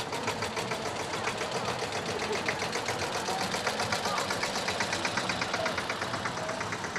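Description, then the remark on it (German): A tractor engine runs with a steady, rapid mechanical chugging that holds an even loudness throughout, at a folk festival (Volksfest) in the Hüppental, with a murmur of voices in the background. “Hierher darf kein Auto und schon gar kein Trecker fahren. Aber heute ist Volksfest und fast alles erlaubt.”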